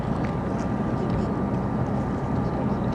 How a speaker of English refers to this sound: Now we see the boats coming into Galveston Bay on their first lap. Once again, Team Florida, Chiller, Mobile One, Cutting Edge, and Taz in this first of two heats in S-Class.